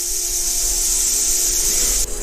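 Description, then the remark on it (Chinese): Roadrunner chicks in their nest, sensing danger, give a threatening warning call: a continuous, dry, hissing rattle like a rattlesnake's tail, steady and fairly loud for about two seconds before it abruptly drops away. No one speaks. “里面的雏鸟发现危险后，立即发出威慑的声音。这种声音酷似响尾蛇摇动尾尖发出的声响。”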